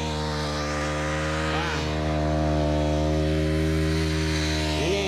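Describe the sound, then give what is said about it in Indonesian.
A grass cutter's small engine drones steadily and loudly as grass is cut behind SDN Pandian 5 in Kota Sumenep, Indonesia, its high buzzing pitch wavering slightly now and then as the throttle shifts, with no voices over it. “Potong rumput ini ya.”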